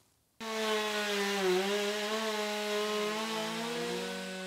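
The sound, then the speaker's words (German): A chainsaw starts abruptly after a brief silence and runs steadily, its engine whining with slight pitch dips as the chain bites into wood, cutting off the bark and sapwood, loud throughout. “Erst mit der Kettensäge hole ich die Rinde und das Splintholz runter.”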